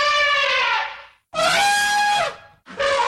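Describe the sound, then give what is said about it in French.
Three loud, brassy elephant trumpet blasts, each about a second long with short silent gaps between them, harsh with a slight pitch rise and fall, no voices. “Au cours de cette fable, nous rencontrerons l'éléphant.”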